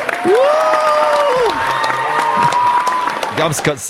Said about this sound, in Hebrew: תן לי מחיאות כפיים.